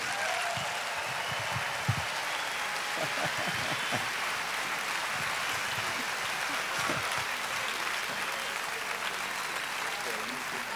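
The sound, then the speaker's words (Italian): A crowd in Perugia applauds steadily to welcome Valentina Cenni and Stefano Bolani onto the stage, with dense, continuous clapping that holds at an even level throughout and a few scattered shouts or cheers rising briefly above it. “Un grande applauso, diamo benvenuto sul nostro palco a Valentina Cenni e Stefano Bolani.”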